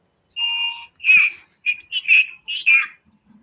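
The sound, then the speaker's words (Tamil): A radio time-check signal marking 10:56: a steady high electronic tone followed by a quick run of shorter, slightly warbling beeps, loud, with no voices. “இப்போ அடுத்த படம் நம்ம கேட்க இருக்கும் படம், அதுக்கு முன்னால் நாம் டயத்தை சரிபார்த்து கொள்வோம்.”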